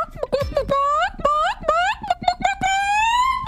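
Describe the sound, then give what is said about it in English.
A person's voice imitates chicken calls, a rapid series of high, warbling clucks and rising squawks that end in a long drawn-out crowing note, loud with no other sounds. “I think it was in Iowa, they were having a contest for chicken calling.”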